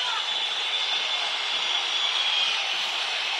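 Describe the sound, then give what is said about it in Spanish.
A dense, steady wall of stadium crowd whistling at a River football match, loud and unbroken for the whole stretch, with one thin high whistle tone threading through the middle of the hiss. “Silbido monumental.”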